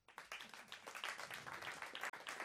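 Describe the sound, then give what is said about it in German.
A crowd applauds steadily after being asked who has been together in a relationship for more than ten years, dense overlapping claps filling the space at a fairly even level for a few seconds, with a murmur of voices mixed in. “Super, ich muss sagen, der Applaus war auch motiviert.”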